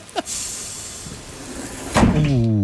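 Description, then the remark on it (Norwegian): A bus door opens with a long, steady pneumatic hiss, then a solid clunk as it swings open, followed by a low humming tone. The bus driver had started pulling away, stopped again and opened the door for a waiting passenger. Fairly loud, with no talking. “Døra går opp.”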